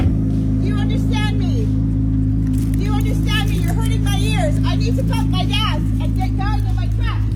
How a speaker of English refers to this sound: It revs the car louder. You're hurting my ears.